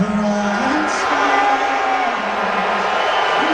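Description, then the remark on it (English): A large crowd of fans at Madison Square Garden boos loudly and without letup at President Trump during the national anthem at Game 3 of the NBA Finals, a low, droning mass of voices that holds steady for the whole few seconds, with a dense roar of noise underneath. “And the boos were louder than the cheers.”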